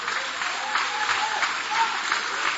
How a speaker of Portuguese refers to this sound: Pode tomar o vosso assento, guarda a sua Bíblia com carinho e podem aplaudir a Deus também com muita alegria.